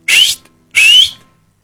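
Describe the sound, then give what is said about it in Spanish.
Two loud, shrill mouth whistles in quick succession, each a breathy blast with a piercing pitch that slides upward, a whistle used to manage animals, separated by a short pause with no talking. “De fondo estamos escuchando el Chiflito. Pero vos, y el chiflido, sí. No el silbido.”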